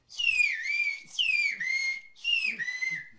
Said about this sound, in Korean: 휘파람 언어로 우리 이름을 다시 한번 부탁드렸습니다.